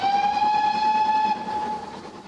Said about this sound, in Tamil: இல்லை, மற்றதொன்றும் கேட்கவில்லை. வண்டியின் ஊதல் எல்லா சத்தத்தையும் அடக்கி விடுகிறது.